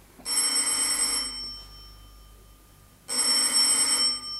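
Two long bursts of a telephone bell ringing, each about a second of loud, shrill metallic trilling, separated by a pause of near silence.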